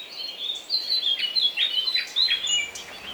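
A nightingale sings a rapid, continuous run of bright chirps and warbling trills, clear, with no voices and only faint background hiss.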